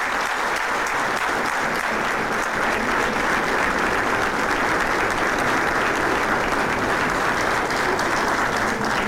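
Sustained applause from a large crowd at an award ceremony as Doroteia Lessa, President of the Câmara da Calheta, receives an honour: a dense, steady wash of many hands clapping at an even loudness for the full nine seconds, with no voices standing out.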